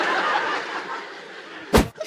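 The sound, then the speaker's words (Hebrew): A single sharp, explosive sneeze bursts out loudly near the end, after a stretch of soft breathy snickering in the background. “היה אפצ'י, רבותיי, אני שמעתי אפצ'י.”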